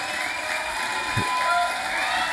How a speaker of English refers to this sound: Just there's plenty of applause there for the great man.